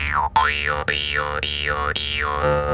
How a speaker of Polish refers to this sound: i po środku wychodzi taki języczek i to ten języczek właśnie tak brzęczy, a jego pudłem rezonansowym, słuchajcie, są no, usta osoby, która na nim gra, więc jest to taki instrument, który przykłada się do zębów i wtedy on tak właśnie fajnie brzęczy.